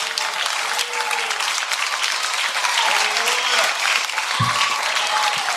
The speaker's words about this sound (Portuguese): Oh Deus, glória a Jesus. Vamos aplaudir a Jesus.